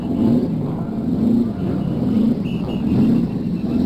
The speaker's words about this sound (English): Now we're going to listen to the cars start up. Here they are. One by one, those engines are turning over, and the race just about ready for the first pace lap.